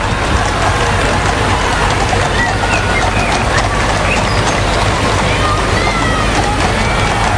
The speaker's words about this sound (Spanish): Los vivas al rey, que se ha podido escuchar esta mañana. Son los vivas al rey, los vítores, aplausos para la familia real.